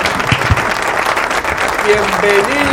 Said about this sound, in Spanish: Se cruza en cámara, señoras y señores, el aplauso enorme para el Sepulcra, que viene acá con todo, figurísima, total rey.